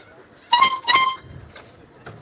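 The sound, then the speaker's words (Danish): A boat horn, sounded together with the boat's owners to play a piece of music for a listener to guess, gives two short, loud toots in quick succession, like the opening notes of a tune, followed by faint background sounds. “Og han vil nu sammen med ejerne af båden Trutte Dytte et stykke musik, som vores lytter, der har ringet ind, Søren, han vil forsøge at gætte.”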